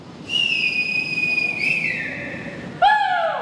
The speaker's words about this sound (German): Dutzende Rettungskräfte haben sich vor den Tunneln versammelt. Sie bereiten Seile vor, um die Menschen durch den kniehohen Schlamm herausziehen zu können. Mit Pfeifen und Rufen machen die Einsatzkräfte auf sich aufmerksam.